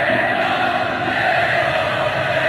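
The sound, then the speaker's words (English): A large street crowd roars continuously outdoors in the center of a city square, making noise and celebrating, a dense, steady wash of many voices shouting and cheering together with some whistles, loud and sustained with no single voice standing out. “Listen, here you'll hear the crowds already in the center of what we would call Times Square there, just making noise and celebrating.”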